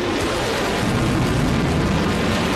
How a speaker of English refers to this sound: President Trump wanted to impress the Chinese president with fighter jets flying over their heads